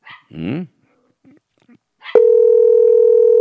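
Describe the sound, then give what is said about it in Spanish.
A steady, buzzing telephone ringing tone of an unanswered call cuts in abruptly and holds loud and unbroken to the end, preceded by a short bark-like burst and a few faint clicks. “Tiene que atendernos, sí o sí, ¿eh?”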